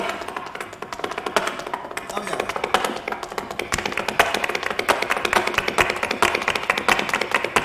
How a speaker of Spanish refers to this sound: Lo digo, qué bonito el sonido del taconeo, ¿no? Sí.